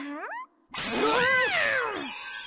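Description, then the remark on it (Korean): Cats meowing: a short rising mew, a brief pause, then a longer, louder drawn-out yowl that swells and bends in pitch before trailing off. No one speaks. “그 고양이들이야!”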